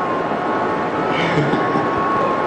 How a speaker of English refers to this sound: Here comes the train.